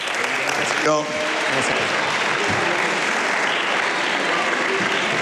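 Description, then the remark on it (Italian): Sustained applause from the senators in the Senate chamber, dense and steady clapping filling the whole five seconds, with a brief voice call cutting through near the start, after Prime Minister Giorgia Meloni only hands in the text of her statement. “Presidente, un applauso per questo intervento, non se l'aspettava.”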